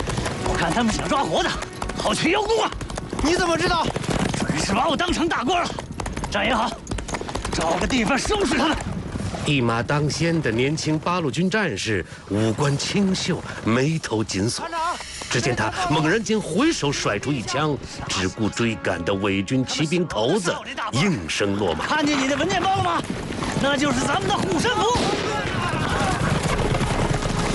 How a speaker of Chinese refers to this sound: 新一团总部20公里开外的山谷中，枪声大作。飞奔的马蹄勾起滚滚黄尘，让人看不清究竟。两个身穿八路军军装的年轻人，正被几十个伪军骑兵紧紧追赶。